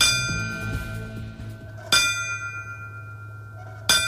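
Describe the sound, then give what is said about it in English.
A resonant bell is struck at slow, even intervals, each strike ringing out sharply with a long, shimmering decay, the tolls standing alone over a low background hum. The bells ring at a 9/11 remembrance ceremony at the Riverfront Museum in Peoria, honoring fallen firefighters. “The ringing of bells honored the fallen firefighters on that fateful day during yesterday's Riverfront Museum 9/11 Remembrance Ceremony.”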